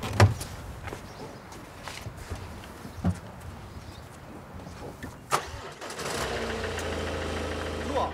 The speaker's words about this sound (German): Innerhalb von wenigen Sekunden ist das Problem bereits gelöst. Das Auto läuft wieder. Da war jetzt erstmal die Batterie leer.